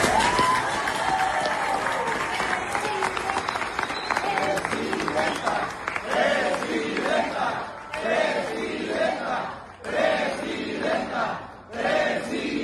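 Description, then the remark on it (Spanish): A crowd breaks into sustained applause for President Claudia, dense clapping rolling on for several seconds, with cheering and shouted voices swelling over it in waves. “No sé, primero un aplauso para la presidenta Claudia.”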